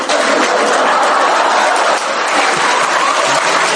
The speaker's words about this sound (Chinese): 一大帮观众搁这儿， 嗯， 俩说相声往外一走，那儿有人带着鼓掌， 哦， 犄角旮旯椅子里。